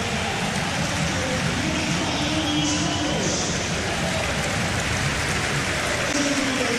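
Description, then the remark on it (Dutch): A football stadium crowd gives modest applause for Bruno Martens Indy as he comes on as a substitute ten minutes from time, a steady, dense patter of clapping that holds at an even, moderate level throughout, with a faint murmur of crowd voices underneath. “Bescheiden applaus.”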